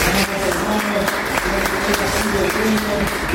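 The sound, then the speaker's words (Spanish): An audience claps steadily for a few seconds, giving applause to the Lord, a dense, even wash of applause with some voices murmuring and calling out underneath. “Dale un aplauso al Señor que está hoy.”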